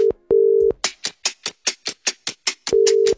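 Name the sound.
telephone ringing tone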